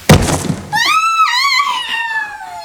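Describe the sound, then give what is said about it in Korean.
A single loud, heavy thud as a dark shape falls from the sky onto the ground in a forest, followed by a sustained high-pitched wavering scream that slowly trails off in pitch. “갑작스레 하늘에서 떨어진 검은 형체 때문에 땅이 세게 울렸다.”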